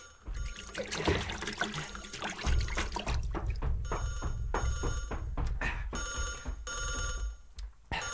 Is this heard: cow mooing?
no